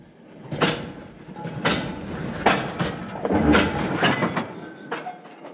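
A train, the 8:40 to London, sits at a station in the evening, with repeated metallic clanks and thuds from carriages and doors over a steady rumbling background, moderately loud, with no voices.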